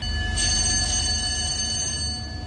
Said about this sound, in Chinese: 清晨，随着急促的战斗警报拉响，由东安舰、大吉舰、甘泉舰等多艘舰艇组成的中国海警舰艇编队迅速调整航向，驶向目标海域。